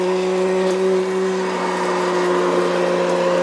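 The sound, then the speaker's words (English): A Hoover vacuum cleaner is run around to tidy the place, a loud, unbroken motor roar with a low, droning hum beneath a hissy rush of air throughout. No one speaks. “So I'm just running the Hoover around, making it all look nice and tidy for him.”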